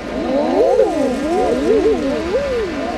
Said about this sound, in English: And the best thing is actually not the sight of them creeping their way ashore, but the noise. So you have the male eider ducks out on the water encouraging them.